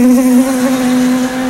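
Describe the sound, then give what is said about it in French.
A loud, steady insect buzz drones without pause, like many wasps from the neighbourhood swarming together around a meal, a continuous humming whine with no voices. “Et là, t'as toutes les guêpes du quartier qui déboulent.”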